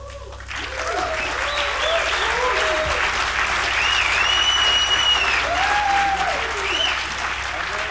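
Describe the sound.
Sustained applause from a large audience after a live concert, a dense steady wash of clapping that swells in and holds strong, with voices and cheers faintly mixed in.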